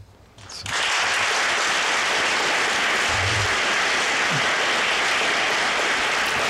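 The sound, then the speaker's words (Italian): Loud, sustained applause from a large audience fills the hall of the Consiglio Grande e Generale in San Marino, greeting the Pope's speech during his pastoral visit, rising sharply in the first second and then holding as a dense, steady wash of clapping to the end. “Un applauso accoglie le parole del Santo Padre.”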